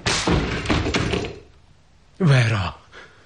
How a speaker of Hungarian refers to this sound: Rám törj az ajtót! Nem!